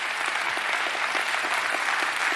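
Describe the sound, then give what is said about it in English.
A church audience claps together as a hand clap of praise to God, steady, dense applause of many hands producing a continuous bright patter that holds at an even loudness throughout, with no voices standing out. “If you are sure, give the Lord a hand clap of praise if you're sure that God is a good God.”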